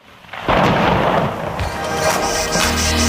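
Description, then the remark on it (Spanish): An unexpected thunderstorm downpour in San Sebastián de los Reyes: a sudden loud crack of thunder breaks in after a quiet moment, then rolls on as a steady rumble over the dense hiss of heavy pouring rain. No voices are heard. “Que nos ha caído un chaparrón aquí en San Sebastián de los Reyes, que no lo esperábamos.”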